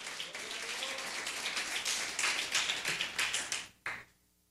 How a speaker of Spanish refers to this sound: ¿Cuántos alaban al Cristo de la gloria? Denle un fuerte aplauso al Señor esta mañana.